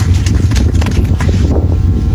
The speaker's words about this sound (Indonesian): Nyata ini, tepuk tangan buat Kandar.